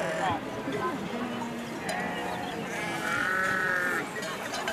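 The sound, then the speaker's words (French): Many sheep bleat over one another in a dense, continuous chorus, a crowded flock with wavering overlapping calls and some faint background voices, as shepherds and breeders divide the flocks among the shepherds. “où sont regroupées les brebis et les bergers ainsi que les éleveurs sont en train de répartir les troupeaux. À chacun des bergers.”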